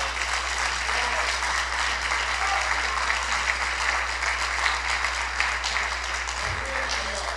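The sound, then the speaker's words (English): An audience claps their hands for God steadily for several seconds, a dense, continuous wash of many hands with a low hum underneath, filling the space without any talk. “Now, if you believe that, if you understand that, I need you to clap your hands for God.”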